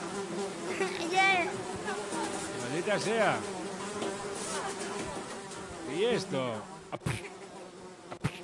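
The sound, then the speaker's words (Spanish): A fly buzzes with a steady drone that swells and sweeps as it circles, while people speak briefly over it. “Hay una mosca por ahí.”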